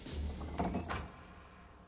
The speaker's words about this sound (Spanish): ¡Vosotros! ¡Cerrad la puerta del templo y selladla!